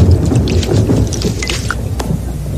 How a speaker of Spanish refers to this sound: Cuando estas pequeñas gotas son muy gruesas y pesadas para la nube, caen como gotas de lluvia. Como esas.